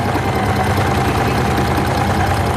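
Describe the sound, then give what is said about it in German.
Sewing machines rattle steadily in a sewing room at a camp where ten women and girls are at work cutting fabric and sewing, a dense, rapid mechanical whirring and clatter that stays loud and even throughout, with no voices over it. “Auf den Tisch wird geschnitten, die Nähmaschine rattern.”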